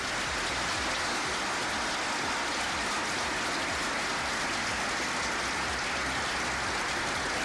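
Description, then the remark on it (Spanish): A large crowd at a university graduation ceremony claps steadily, the applause forming a dense, even wash of crackling noise that holds at a fairly loud level for several seconds without any voices. “Miren, los que aplaudieron atrás han hecho un esfuerzo.”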